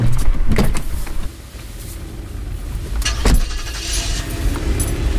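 Inside a car parked outside the entrance of a residential building, where the driver waits for a friend, a low steady rumble fills the cabin while a few sharp clicks and rustling knocks come and go, with a brief whirring like a power window moving.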